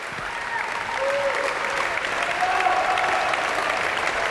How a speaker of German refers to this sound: Das Publikum hier in der Stiftskirche Melk ist begeistert, ja, und wie Sie hören, spendet es großen Beifall für all die Mitwirkenden dieses Festival-Abschlusskonzertes.